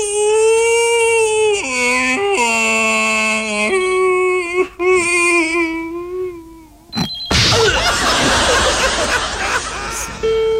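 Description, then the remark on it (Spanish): A person imitates a whimpering puppy with a loud, high, wavering whine that steps up and down in pitch for several seconds, then a burst of harsh, hissing noise takes over. “Cuidado que el perro está ladrando, me está llorando.”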